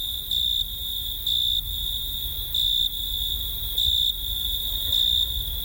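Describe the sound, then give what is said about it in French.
Male crickets chirp by rubbing their wings together in the cool evening air, in short, evenly spaced bursts: a bright shrill trill repeating about once a second over a soft low background hum, clear with no voices. “Les grillons mâles frottaient l'une contre l'autre leurs ailes et de la terre montaient les plus enivrantes mélodies.”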